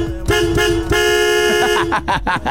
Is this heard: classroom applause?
no